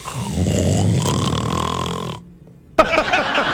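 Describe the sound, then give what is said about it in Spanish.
A loud, rough snore sound effect rattles for about two seconds, falls silent briefly, then a second raspy snort begins, with no talking. “El ronquidito.”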